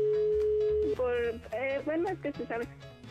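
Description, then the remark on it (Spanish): A steady telephone dial tone hums alone for about a second after the line goes dead, then people start talking over the remainder. “¿Por qué estás colgando el teléfono?”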